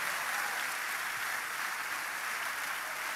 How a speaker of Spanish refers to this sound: Apláudale, apláudale. Que se sienta en el cielo ese aplauso.